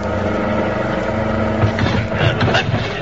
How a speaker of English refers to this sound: There's only one way to head the car off. Go down the embankment. Oh, but it's a 60-foot bank and a rough field beyond.